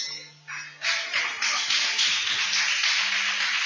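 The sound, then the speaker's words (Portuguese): A church audience breaks into joyful applause for the Lord Jesus while welcoming a church co-worker, a few scattered claps quickly swelling into a dense, steady wash of clapping that holds at full strength, with a faint low hum underneath. “Com palmas bem alegres para o Senhor Jesus.”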